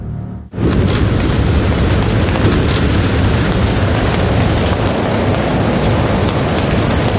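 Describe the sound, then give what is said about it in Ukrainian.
Heavy artillery fire from neighbouring units of the Seventh Corps erupts abruptly after a brief lull and becomes a dense, continuous booming roar, loud and rumbling with a deep low end, holding steady with no voices. “Хто це там? Суміжники гатять.”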